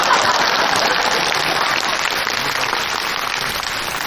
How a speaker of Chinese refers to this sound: 谢谢各位同情的掌声吧。 什么叫同情啊？